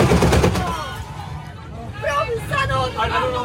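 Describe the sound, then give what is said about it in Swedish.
A bus near Jönköping, Sweden, whose driver fainted with one foot on the accelerator, slams into a wire-rope road barrier, a rapid burst of harsh, loud cracking and grinding impacts that fades, followed by agitated voices shouting to brake over a low rumble. “Men det där när det är ju när bussen kör in i de här vajerräcket.”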